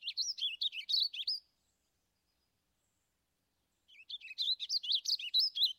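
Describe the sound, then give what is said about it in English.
A warbling vireo sings two rambling, rapid warbles of high, liquid notes, each about a second and a half long, separated by a pause of silence. The song is clear. “The warbling vireos have a rich and cheerful warbling song.”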